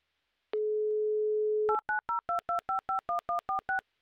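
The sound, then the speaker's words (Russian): A steady low dial tone hums for about a second, then eleven quick, evenly spaced touch-tone beeps as a game-show host dials a super-finalist contestant's phone number, each a short two-pitched electronic chirp, with no voices. “3, 2, 1, набираю ваш номер.”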